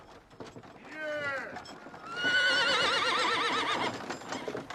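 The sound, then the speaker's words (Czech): A horse gives a short rising whinny, then a longer, louder neigh with a shaky, warbling pitch, while hooves clop steadily underneath; mares pulling a wagon loaded with at least 10 sacks of grain along a terrible road, their legs buckling as the driver whips them. “Někdo se sem hrncá po té strašné cestě a poněvadž se kobylkám podlamujou nohy, hladí je po hřbetech bičem.”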